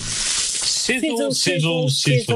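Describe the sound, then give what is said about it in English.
Steady sizzling hiss of sausages frying on a barbecue grill, heard alone at first, then continuing beneath a voice speaking in short rhythmic bursts. “Sizzle, sizzle, sizzle. Pop, crackle, sizzle, sizzle. Our Fraser lines are much more than sausage sizzles.”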